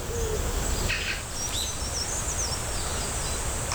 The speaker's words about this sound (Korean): 이거는 파랑새 소리 들리네. 저 여기서 새끼를 키우는 것 같아요. 그냥 저는 저 방구대 안 깎아가면서 무심코 지나갔는데 여기 이렇게 멋진 곳이 온갖 새소리가 다 들리는 방구대 너무 이뻐요.